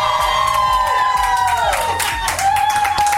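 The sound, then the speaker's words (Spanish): A crowd shouts and cheers loudly and continuously, with high pitched screams and whoops rising over a dense roar, while a steady musical tone and a low rhythmic beat run underneath. “Para que te vuelvas a emocionar, otro grito, Exalovers, ¡que se sienta!”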